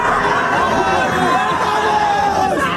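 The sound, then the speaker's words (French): A dense crowd of fans roars with overlapping shouts and cheers for the French national team, Les Bleus, in the United States, a steady loud wall of voices with rising yells and bits of laughter, sustained for the whole moment without pause. “Sacrée ambiance, ça effectivement, plaisir. Ça fait pas ça, nous, qu'on arrive en studio le matin, personne ne crie comme ça.”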